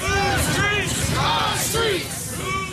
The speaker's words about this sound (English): A large crowd marches down North Aurora Avenue near 102nd Street. They're calling for Seattle leaders to stop the gun violence and sex trafficking this area is known for.